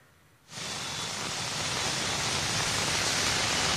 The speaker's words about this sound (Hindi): जी नहीं, यहाँ पर लगातार बारिश हो रही है और बहुत जोर से बारिश हो रही है। पिछले अगर हम 12 घंटे की बात करें तो 12 घंटे से लगातार बारिश दिल्ली के अलावा एनसीआर के कई इलाकों में हो रही है। मेरी मौजूदगी इस वक्त गाजियाबाद के परथला में